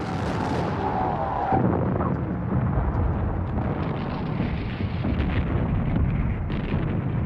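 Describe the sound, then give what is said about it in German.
A loud, booming cannon blast opens with a heavy rumble that rolls on and echoes for several seconds, dense and low like a big gun fired outdoors, with no talking; the cannon is fired on a commander's orders to load, ready, fire. “Die Kanone brüllte los und jeder versuchte von seiner Position aus auf Kommando zu fotografieren.”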